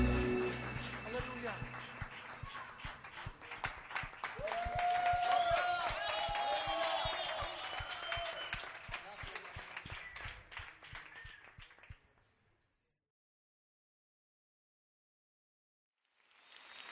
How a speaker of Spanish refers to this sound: aplauso a tu rey.